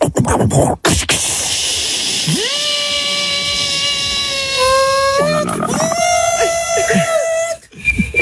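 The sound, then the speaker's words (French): A kettle hisses steadily with steam, then its whistle sweeps up and holds a shrill, steady tone before wavering and breaking into a second, fluttering whistle, all loud and continuous. “La bouilloire.”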